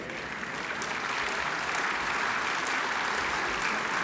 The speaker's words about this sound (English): But the applause should go toward heaven.